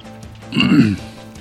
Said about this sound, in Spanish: Donde la tos nos ataca por un momento